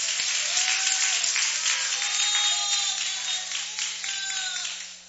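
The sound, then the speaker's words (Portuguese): A crowd applauds Jesus steadily, a dense wash of many hands clapping at once with loud cheering voices rising over it, sustained for several seconds before easing slightly at the end. “Pode se levantar, pode aplaudir a Jesus.”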